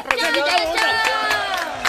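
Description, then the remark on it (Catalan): A loud crowd claps and cheers together, with excited high-pitched voices rising and falling over steady clapping for a couple of seconds, energetic. “Fort aplaudiment!”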